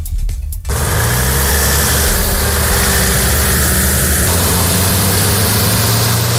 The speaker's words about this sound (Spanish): Son los camiones de la Unidad Militar de Emergencias esta madrugada saliendo de la base de Morón de la Frontera en dirección a Huelva porque se ha producido el peor de los escenarios posibles en el incendio de Villanueva de los Castillejos.